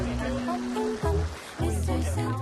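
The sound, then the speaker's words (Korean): Paella simmering in a pan, with a steady bubbling, crackling wash of liquid. Voices hum and talk over it throughout, briefly louder in two bursts. “그러는 사이 보글보글 맛있는 소리가 들립니다.”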